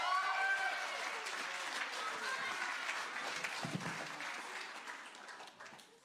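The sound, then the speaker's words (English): An audience claps and cheers for a kids' church performance, clapping steadily for about six seconds, with high whoops and cheers rising above the applause early on before the noise gradually thins out toward the end. “Let's give them another clap and cheer.”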